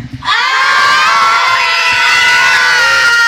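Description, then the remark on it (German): A large crowd of schoolchildren, a visiting school class from the Klänzeschule, cheers and shouts all at once in a studio, a loud, high-pitched, sustained roar that bursts in after a brief moment and holds steady to the end. “Und so, und wenn hier gefühlt einfach mal 200 Kinder im Studio stehen, dann klingt das wie?”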